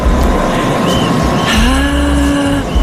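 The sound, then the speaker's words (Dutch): A small car drives onto a cycling race course during a time trial, its engine loud and steady, the pitch rising as it accelerates, with faint tire noise and a busy outdoor background. “Dan was net een autootje inkomen op het parcours.”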